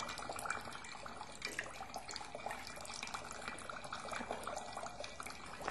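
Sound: water trickling and flowing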